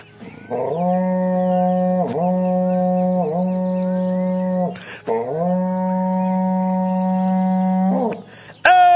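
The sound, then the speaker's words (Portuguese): A berrante cattle-call horn blows two long, loud, sustained blasts with brief wavering dips in pitch, a short break between them, and no voices. “para vocês agora um berrante daqueles, olha só.”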